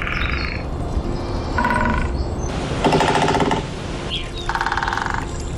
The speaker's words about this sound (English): A compilation of different woodpeckers drumming from different sites in Ireland, and they all have different favourite resonances and outputs.